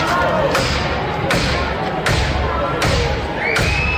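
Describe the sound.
Police break down the street door of an apartment building during an eviction: heavy blows strike the door again and again at a steady pace, roughly one every second, each a loud booming thud over a noisy background with faint voices.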